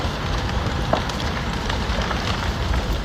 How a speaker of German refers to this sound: Knisternde Flammen, die vom Wind immer weiter angetrieben werden. So klang es vor einer Woche in einer Wohnsiedlung in der Stadt Drammen nahe Oslo.